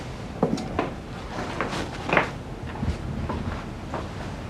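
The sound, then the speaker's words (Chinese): A door being opened by someone who has just finished showering, heard as a few soft wooden clicks and knocks spread over several seconds, fairly quiet, against a faint background hiss with no one speaking. “我刚洗完澡，刚打开门。”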